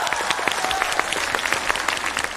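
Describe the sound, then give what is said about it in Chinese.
An audience claps steadily for a couple of seconds, a dense patter of many hands at a fairly even loudness with no voices standing out. “你好好看看，除了没鼓掌的都鼓掌了。”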